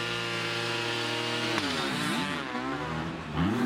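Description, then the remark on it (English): Two 250cc motocross bikes, one two-stroke and one four-stroke, ridden by Ryan Sipes and Cantrell in a race for a spot in the finals, buzz loudly together. Their harmonic whines hold steady at first, then dip and rise in pitch as the riders shift and rev, ending in a throaty revving surge. “And this is interesting because it is two-stroke against four. They're both 250cc engines.”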